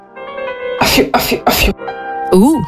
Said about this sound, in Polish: Tutaj tak jednocześnie elegancko, ale też odstraszając demony. To jest taki royal kaszel. Royal kaszel. To jest totalnie royal kaszel.